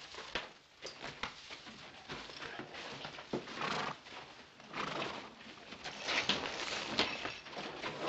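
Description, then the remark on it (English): A horse whinnies and snorts while its hooves clop steadily on hard ground, fairly loud, building in intensity toward the end with no talking. “Now, take care of your horse.”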